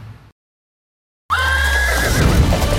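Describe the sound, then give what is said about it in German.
After a brief silence, a loud horse whinny rings out, a wavering high-pitched call set against a dense, roaring wash of background noise, in an advertisement for a horse riding and stunt show. “Das Pferd, das fünfte Element.”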